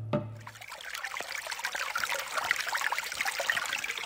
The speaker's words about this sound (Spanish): Escuchamos el silencio del agua que se va.